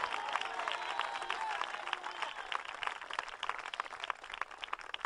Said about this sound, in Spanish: Alábelo si puede. Para el Señor ese aplauso, déselo, hermano.